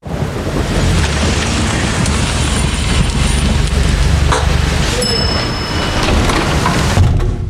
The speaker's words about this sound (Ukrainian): Дощ лишається за дверима.